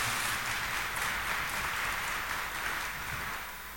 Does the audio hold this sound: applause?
yes